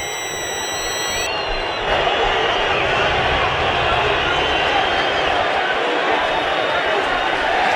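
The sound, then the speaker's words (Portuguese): A large stadium crowd of thousands boos Santos for its performance at a football match against Coritiba, with the score Santos 0, Coritiba 3, in a loud, sustained wash of noise that swells slightly after the first couple of seconds and then holds steady without a break. “Milhares vaiam o Santos pelo desempenho.”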